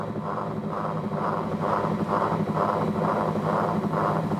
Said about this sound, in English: So the soundtrack, which is the LP, is playing, but you can also hear underneath, you know, the sound of the whirlies themselves as they rotate.